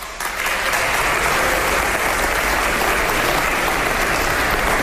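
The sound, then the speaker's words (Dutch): A crowd breaks into sustained applause, a dense wash of many hands clapping at steady loudness from start to finish with no voices standing out. “Dan moeten we wel voor iedereen klappen, hè?”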